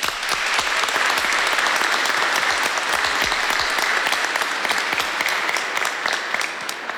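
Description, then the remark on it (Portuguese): A religious community breaks into sustained applause to welcome a group of children, many hands clapping densely and steadily for several seconds at a fairly loud level, with no voices standing out. “E nós, enquanto comunidade, queremos acolher essas crianças que a partir de hoje serão nossos irmãos e irmãs com uma salva de palmas.”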